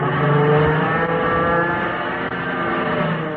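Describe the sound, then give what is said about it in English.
A powerful propeller-plane engine roars loudly and steadily, its rich droning pitch holding throughout with only slight wavering as the plane loops to get behind a pursuing aircraft. No voices are heard. “Going to see if I can loop and get behind him.”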